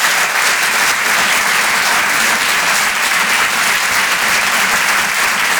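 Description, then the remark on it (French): The audience at the Rire et Chanson Comedy Club applauds comedian Jonathan O'Donnell loudly and steadily, a dense wash of many hands clapping that holds at an even level for several seconds with no speech over it. “On peut l'applaudir lui aussi très très fort, s'il vous plaît.”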